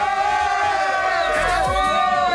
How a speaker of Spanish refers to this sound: Mereces un aplauso, amor.